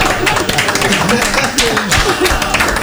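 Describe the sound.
Audience applause for a contestant who answered a music quiz question: a steady burst of clapping crowd hands lasting a few seconds, with people talking and calling out over it.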